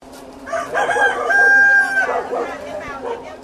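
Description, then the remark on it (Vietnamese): A single H'Mông chicken rooster crows once, a loud, drawn-out call lasting over a second, rising and then holding its pitch before trailing off, with a steady low background hum throughout. The rooster is raised at the Thiên Phúc agricultural and medicinal herb cooperative, Đồng Hỷ commune, Thái Nguyên province, Vietnam. “Từ những con gà hơ mông nuôi đơn thuần, Hợp tác xã Nông nghiệp và Dược liệu Thiên Phúc, xã Đồng Hỷ, tỉnh Thái Nguyên đã tìm cách tạo ra một sản phẩm khác biệt bằng việc kết hợp nguồn thức ăn với dược liệu.”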